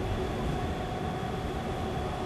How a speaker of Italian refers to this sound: Un treno!